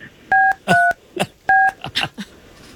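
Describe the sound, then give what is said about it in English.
Three short, clear telephone keypad beeps, the dual-tone dialing sounds of buttons being pressed to make a call, spaced unevenly, with brief muffled rustling or voice-like bursts between them. “We're going to make this call”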